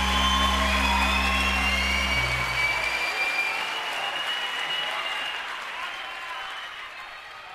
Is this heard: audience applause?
yes